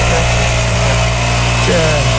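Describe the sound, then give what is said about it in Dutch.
A leaf blower's small engine drones steadily and loudly throughout, with a buzzing, harmonic whine that rises briefly in pitch near the end as the throttle picks up. “Die zegt, voor het lopend vuur graag een vraag over bladblazers.”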